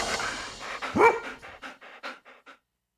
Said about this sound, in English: And there you go. We can keep our four-legged friends happy by making lots and lots of dog noises.